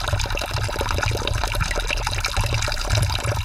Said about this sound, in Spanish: Ahora mismo me he dado cuenta de que no tenemos suficiente agua, pero no pasa nada, ya que aquí cerquita, solamente unos metros, se halla una fuente con el agua preciosa.